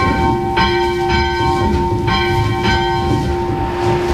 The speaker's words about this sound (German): wir läuten zunächst mal die Schulglocke.